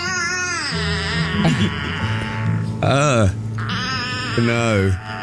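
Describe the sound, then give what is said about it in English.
A baby aardvark calling in a string of loud, wavering cries, high and whiny like a mewing cat or a fretful infant, with short breaks between calls and no one talking. “If you've not seen a baby aardvark, because I hadn't until I knew about this”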